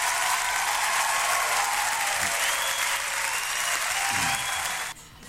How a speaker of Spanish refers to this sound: Otro grupo de amigos, los saludamos ayer, destacamos su día, son nuestros amigos los recolectores del residuo domiciliario, que estuvieron en su día ayer y también son amigos, así que hoy día le damos un aplauso.